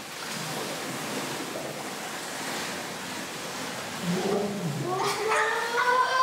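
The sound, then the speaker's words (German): Children in a swimming pool blow bubbles underwater, exhaling through the mouth for as long as they can: a steady watery wash, then wavering, rising gurgles with a voiced, humming quality grow louder over the last couple of seconds. “Wir tauchen runter und blubbern so lange wir können.”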